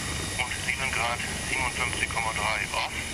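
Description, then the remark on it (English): Steady helicopter engine drone fills the background with a constant whine throughout, while a voice talks over it. “can fly the helicopter in winds up to storm force 11.”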